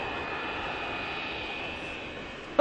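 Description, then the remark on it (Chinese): A steady, loud roar of a low-flying airliner fills the whole stretch, a broad engine drone with a sustained high whine, holding constant throughout. “哎，你让你看，是那架航班啊？哎呀呀，来了！”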